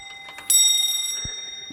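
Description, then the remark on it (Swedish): A very old 18th-century clock that also shows the date, at a watchmaker's in Härnösand, Sweden, chimes once, a bright metallic strike that rings on with steady, shimmering overtones and slowly fades. Soft mechanical ticking comes just before it, and no one speaks. “Det här är en väldigt gammal klocka som lät nu”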